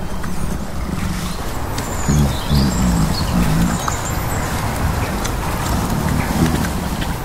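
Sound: small birds chirping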